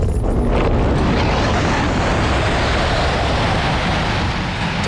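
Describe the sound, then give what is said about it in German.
A two-seat glider being winch-launched steeply upward as the tow cable pulls taut, heard as a loud, steady rushing roar of wind and machinery that fills the whole moment, with no voices. “Das Zugseil vor dem Flieger wird straff und zieht uns steil in den Himmel.”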